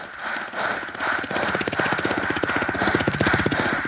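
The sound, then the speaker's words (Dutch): A voice imitates a helicopter with a fast buzzing lip-and-tongue trill, producing rapid, steady chopping pulses that build slightly in loudness over four seconds, with no other sounds. “De wentelwiek.”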